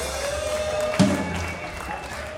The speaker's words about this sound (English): The great Frog Joseph. That's right, you can clap for Frog.